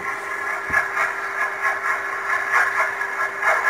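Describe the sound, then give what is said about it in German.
An underwater sonar-buoy recording of a surface container ship's propeller striking the water: a steady hissing, churning drone over a constant low hum, pulsing in a regular rhythm a few times per second, with no voices. “Das ist ein Überwasserdampfer, ein Containerschiff von dem.”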